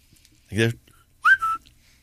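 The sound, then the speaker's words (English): Someone whistles an imitation of bird tweets: a short buzzy chirp, a pause, then a rising whistled tweet followed by a steadier mid-pitched note, fairly loud against near silence. “Hey, I think you got tweets that are going through.”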